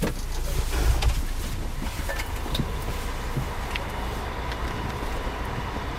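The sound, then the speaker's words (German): A bus's heavy engine rumble fills the space, steady, with a few scattered clunks and rattles on top as it comes to a halt on the CERN site in France and passengers get out; no one speaks. “Mit einem Bus fahren wir auf jenen Teil des CERN-Geländes, der in Frankreich liegt.”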